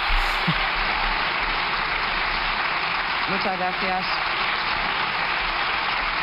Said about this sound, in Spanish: Como es habitual también, ovación cerrada por parte de los diputados del Partido Popular. Y el propio Feijóo se levanta del escaño para pedir a sus diputados que dejen aquí la ovación.